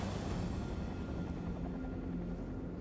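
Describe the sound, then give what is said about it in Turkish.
A helicopter's steady rumbling drone fills the air, its low whirring hum gradually easing as it moves off into the distance toward a valley in poor visibility, with no voices present. “Helikopter bizi görmedi çünkü doğa ana bir kez daha bize karşı oynadı.”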